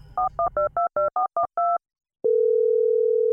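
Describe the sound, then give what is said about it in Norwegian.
A quick run of eight DTMF keypad beeps punches out a number to call a bank, then after a brief pause a steady, continuous telephone dial tone hums on loudly until the end. “Og til endans ringte jeg i banken.”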